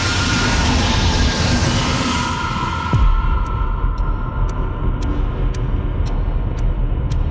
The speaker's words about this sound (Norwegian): Han trykker ned bremsen alt han klarer. Og samtidig så hører han at togføreren på det andre toget bremser.